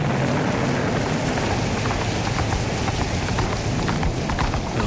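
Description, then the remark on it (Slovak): Heavy rain pours down steadily under a low roaring wind during a terrible storm over rocky terrain, a dense, unbroken downpour with scattered sharp patters of drops, loud throughout with no voices. “Bari nikdy neskončí táto hrozná búrka. Nikde ani stopa po životvorovi. Všade samá skala, vietor a dážď.”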